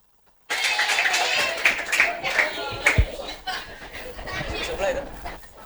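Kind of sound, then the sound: crowd, children clapping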